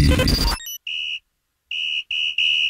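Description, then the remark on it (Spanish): On a radio show, a brief burst of loud, harsh noise gives way to four shrill, steady blasts on a whistle, the first on its own and the last three in quick succession. “Para que vea que tengo de todos los silbatos,”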